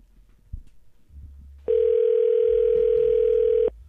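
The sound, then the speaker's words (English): A phone call to a person's dad rings with no answer: one steady, loud electronic ringback tone holds for about two seconds after a stretch of quiet background rumble, then cuts off. “Daddy not answering our phone this hour, right?”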